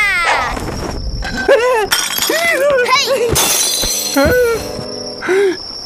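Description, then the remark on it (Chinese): Antiques crash and shatter into pieces, a loud burst of breaking glass and ceramic with scattered clinks, while voices talk over the smashing throughout. “古董全摔碎了”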